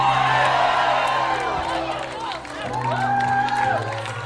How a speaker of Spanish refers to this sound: Si alguien lo cree, grite amén. Si alguien lo cree, cuando usted está, tira un grito duro, amén.